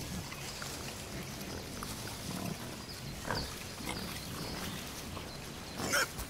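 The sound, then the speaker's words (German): Wild pigs in a forest grunt and snuffle in a steady, irregular stream of low rooting noises as they plough the forest floor with their snouts, with a few sharper squeals near the end. “Dann füllen einige Schweine ihre Mägen bis zur Hälfte nur damit.”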